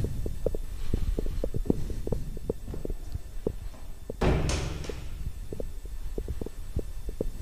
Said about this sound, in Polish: Łazienka.